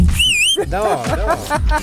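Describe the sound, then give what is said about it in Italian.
A person whistles a short, shrill whistle that wavers briefly at a high pitch, then gives way to a person talking over a low background rumble. “No, quel fischio lì a me entra nelle orecchie come un punteruolo.”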